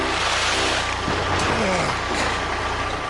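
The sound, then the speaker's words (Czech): A truck engine rumbles loudly and steadily for the whole few seconds, a dense mechanical roar with a low droning hum underneath and faint voices mixed in. “Och, nakladné auto.”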